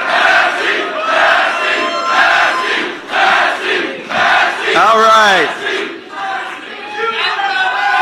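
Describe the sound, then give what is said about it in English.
A large crowd chants and yells Thomas Massie's name in loud, rhythmic bursts at his concession speech, with a brief spoken phrase cutting through partway and the shouting continuing throughout. “That's the last time he's going to hear a crowd like that yelling his name.”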